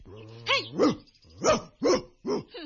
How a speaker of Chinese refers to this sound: 嘿，哮天犬，虽然你一向威猛过人，如今仲对住我张牙舞爪，但系我朱儿系唔会怕你嘅，你即管嚟啦。